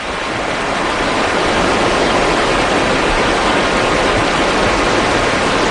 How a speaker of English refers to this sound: Just the general outdoor environment of West Forks, Maine. It's always good to be by the river, just listening to it.